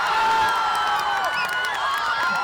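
A large crowd at a FIFA World Cup fan zone in Washington, D.C. cheers and shouts in a dense, continuous roar that stays loud throughout, with shrill whistle-like tones cutting through the noise.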